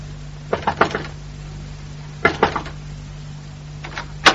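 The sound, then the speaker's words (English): Knocking on a neighbour's front door in short groups of about three raps, repeated a few times with pauses between, over a low steady background hum. “Wait, you knocking next door”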